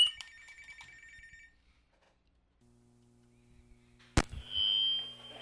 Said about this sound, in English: Phone's ringing, so let's play.